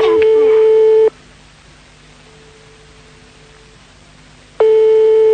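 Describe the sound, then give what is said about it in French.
A telephone rings on the line with no answer: a loud, steady buzzing ring tone lasts about a second, falls silent for several seconds over faint hiss, then starts again. “Pour l'instant, maintenant, ça sonne dans le vide.”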